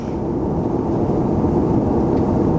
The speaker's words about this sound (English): And we're on a plane, and we're not sure.